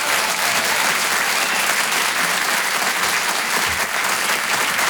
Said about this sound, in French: Le Rire et Chanson Comedy Club. Je vous demande un tonnerre d'applaudissements, s'il vous plaît, pour Cody.